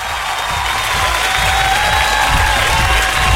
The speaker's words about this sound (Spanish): Así que un aplauso para la señora Pilar.